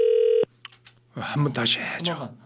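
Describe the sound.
A loud, steady ringback tone from an outgoing call to a landline sounds for under half a second and goes unanswered. It then cuts off, and after a short silence someone starts talking.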